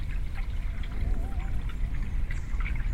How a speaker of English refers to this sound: The river speaks, you hear the waves, the roar of the wind in the leaves of the trees, the breeze in the reeds, a fragile sound, murmuring their delicate rarity in this urban sprawl.